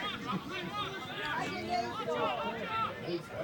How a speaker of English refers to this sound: And the crowd went, ooh. And the crowd did go, ooh.